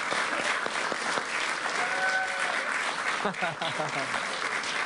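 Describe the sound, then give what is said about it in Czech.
Steady applause from a crowd for a YouTube channel nearing 100,000, loud and dense throughout, with a brief lull near the end and some voices calling out over the clapping. “Já jsem koukal, jak se vám vede tady tomu kanále, jako jdou na 100 000, přátelé, to chce potlesk.”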